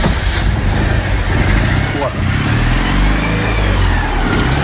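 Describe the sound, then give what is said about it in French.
An old car's cold engine, not run for some time, rumbles loudly, a low steady idle with a slight rise in pitch partway through, running continuously for the whole stretch. “On va la mettre en route, voir si elle veut démarrer. Parce qu'il y a un moment qu'elle n'a pas tourné, celle-là.”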